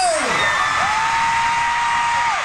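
A huge crowd of thousands of fans at a Korean pop band's concert at Rogers Stadium in Toronto, on a Saturday night in pouring rain, roars and screams continuously, with high-pitched shrieks and a long sustained squeal rising above the dense, loud wash of cheering.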